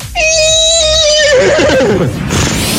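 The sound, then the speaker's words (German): A person imitates a horse's whinny: a loud, high-pitched neigh that quavers and slides downward over a couple of seconds, trailing off into a breathy snort. “Und zwar kann ich auch Pferd nachmachen.”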